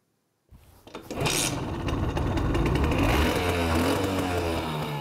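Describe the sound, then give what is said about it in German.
After a brief silence, the engine of a 1983 Simson S51 moped sputters to life and settles into a loud, steady, rattling buzz with a raspy two-stroke edge, running alone without any voices. “Klingt nach Simson und riecht wie Simson.”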